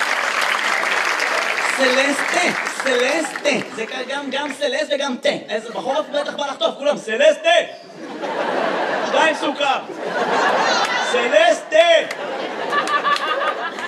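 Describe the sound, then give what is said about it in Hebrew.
A quiz-show audience claps steadily through the whole stretch after a correct answer, fading briefly in the middle before swelling again, with voices talking and some chatter and light laughter mixed into the applause. “איפה כפיים לסלסטה, גבירותיי ורבותיי?”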